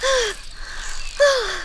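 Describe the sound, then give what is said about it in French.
Two breathy gasps with a falling voiced pitch, about a second apart with near silence between, as a dragonfly character pants, shocked and out of breath after narrowly avoiding a car. “Elle est sous le choc et essoufflée.”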